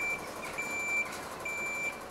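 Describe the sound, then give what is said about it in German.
A fire brigade ladder truck reversing into position at Münster Zoo, its backup alarm sounding three steady, high-pitched beeps at a regular pace over a low, continuous engine rumble, with no talking. “Die Feuerwehr bringt ihren Leiterwagen in Position.”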